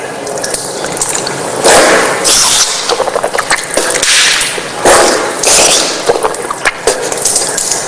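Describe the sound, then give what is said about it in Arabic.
Tap water, opened only a little, runs steadily, broken by several bursts of splashing and sloshing as someone rinses their mouth and nose, taking the water in the right hand and blowing it out into the left; no one speaks. “تمضمضت يعني الماء لما أخذته بيدي شيء دخل إلى الفم وشيء دخل إلى الأنف ثم نثرته بيدي اليسرى.”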